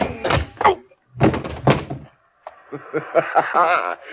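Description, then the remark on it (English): A scuffle of heavy, dull thumps and blows as a man is knocked unconscious, mixed with strained grunts and groans, then a brief pause before a final flurry of struggling vocal noises. “Thanks for knocking out Waring.”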